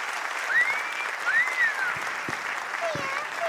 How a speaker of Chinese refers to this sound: 感谢大家的掌声，谢谢。